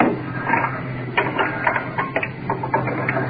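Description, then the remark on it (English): An oxygen cylinder being changed while the oxygen mask is off temporarily and the new cylinder is fitted: a run of quick metallic clicks and rattles from the fittings, uneven in rhythm, over a steady low hum, with no talking. “Changing oxygen cylinders. Mask off temporarily. Trying to get the new one on.”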